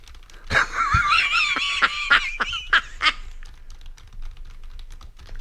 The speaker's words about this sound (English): Turn your mic off when you're typing.